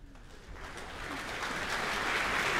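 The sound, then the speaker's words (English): A concert audience breaks into applause for the New Zealand Symphony Orchestra's concertmaster, Vesa Matti-Lepponen, before the concert begins, the dense patter of many hands swelling steadily louder over a couple of seconds, with no voices heard. “That's applause for the New Zealand Symphony Orchestra's concertmaster, Vesa Matti-Lepponen.”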